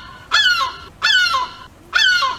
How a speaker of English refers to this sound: the noise is a seagull shouting, right? I didn't record the noise, I'm just playing you a seagull shouting now, right?